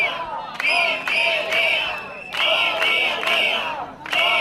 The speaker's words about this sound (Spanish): Es el sonido de la protesta que está teniendo lugar allí en la puerta de la consellería.